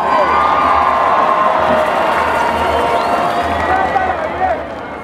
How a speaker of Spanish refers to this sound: abrazan su legado, abrazan sus raíces y por supuesto van a llegar a lo más profundo de nuestros corazones con sus cantos tradicionales. Recibamos con un fuerte aplauso a ….